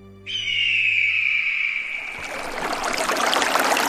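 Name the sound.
flowing river water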